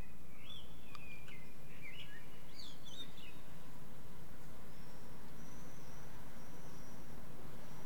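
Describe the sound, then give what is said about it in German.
Birds chirp and twitter in quick, scattered bursts over the first few seconds, followed by a few thin, drawn-out whistles, all fairly quiet against a soft outdoor background hum with no talking. “Sollen wir ein bisschen Vöglein-Gezwitscher, ich hatte von den Represent auch schon Vöglein-Gezwitscher, senden?”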